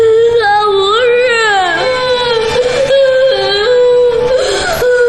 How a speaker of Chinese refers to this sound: 还哭，再哭打死你。